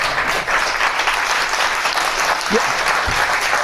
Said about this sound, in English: That applause took a minute. Some of them are like, no way, no way.